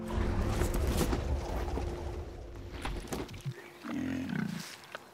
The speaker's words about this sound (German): Diese Schweine leben mit viel Auslauf in der niederländischen Provinz Limburg.